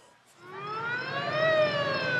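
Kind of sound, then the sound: vehicle, ambulance siren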